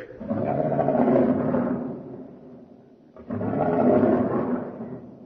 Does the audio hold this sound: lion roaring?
yes